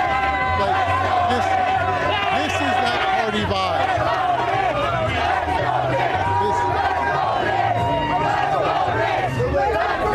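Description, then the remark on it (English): A large crowd of thousands of people in the street chants and shouts together in a dense, continuous roar, many voices rising in rhythmic waves with whistles and cries over a steady low rumble. “There are thousands here on the street.”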